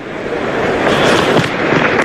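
A cricket crowd in the stands applauds with steady, dense clapping that forms a continuous rushing texture, holding an even, fairly loud level for about two seconds with no voices.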